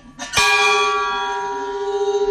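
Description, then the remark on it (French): A round pilgrim bell is struck once after a faint lighter tap, ringing out loud and clear with a bright, shimmering tone that hangs and slowly pulses as it fades. “donc une cloche ronde, on peut aller la faire même si on part pas sur le chemin de Saint-Jacques”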